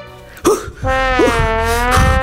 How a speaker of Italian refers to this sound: Il signor Doppia Vacca può tornare alla vita di tutti i giorni, anche se per un curioso effetto collaterale, ogni volta che respira, le sue narici emettono un fastidioso rumore di trombone a culissa.